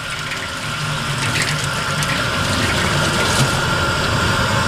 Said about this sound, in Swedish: Bra flöde. Och det var just det som jag ville testa, hur bra flöde det är och hur mycket kraft det finns i den här slangen.